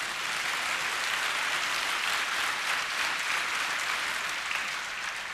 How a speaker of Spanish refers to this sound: Vamos, alguien aplauda al Señor, por favor.